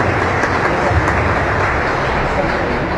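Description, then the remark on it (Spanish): An audience breaks into sustained applause to congratulate people celebrating birthdays, a dense, steady wash of many hands clapping at an even, loud level for the full few seconds, with no voices standing out above it. “Entonces les pido un fuerte aplauso de felicitaciones.”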